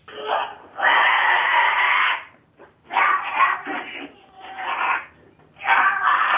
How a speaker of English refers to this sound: the fourth goat, Donnie, in the jaws of a cougar, like little mountain lion, okay? And, well, here's what that sounded like.